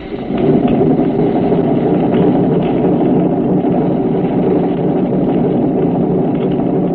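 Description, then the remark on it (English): Submarine trim pumps run with a loud, steady mechanical drone and churning whir that holds constant throughout, unbroken, with no voices, pumping from the auxiliary to the forward trim to take a 10-degree dive angle off the boat. “Pump from auxiliary to forward trim.”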